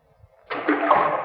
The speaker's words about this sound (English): You see this rock? I'm going to drop it down. You'll have to listen hard to hear the splash. Ready? There she goes.